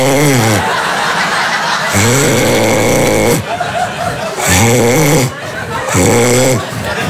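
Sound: voice imitating loud snoring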